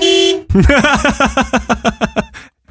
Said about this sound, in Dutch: mijn toeter lijkt dat van een Fiat Panda of zo